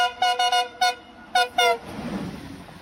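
A train horn sounds a series of short, loud toots at a station platform, blown by the driver on request, four quick blasts then two more after a pause, followed by a low rumble as the train moves past.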